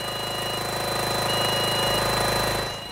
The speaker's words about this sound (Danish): Det er korrekt, og den lyd, vi kan høre i baggrunden, det er altså den støvsuger, der skal være med til at bekæmpe de larver, der er fundet her på Amagerfællet.